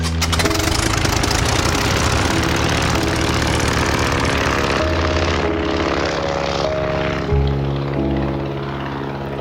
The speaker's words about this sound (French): Le ciel est couvert sur Turin ce 19 novembre 1953. L'avion de Gianni décolle, malgré la menace, direction Osthofen, un petit village alsacien.